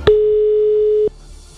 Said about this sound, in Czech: Tak schválně, u koho to zazvoní? Dobrá zpráva je, že je tam nabitý telefon, pravděpodobně. Zvoníme. Teď ještě by to mohl někdo vzít.